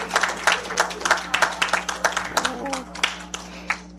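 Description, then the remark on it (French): An audience in Montreal applauds steadily for about four seconds, many overlapping hand claps forming a dense, moderately loud patter, with scattered voices murmuring and calling out beneath it and a low steady hum. “Applaudissez-le pour moi, s'il vous plaît.”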